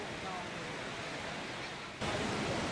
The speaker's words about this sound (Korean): 도시에 갑작스레 폭우가 쏟아집니다.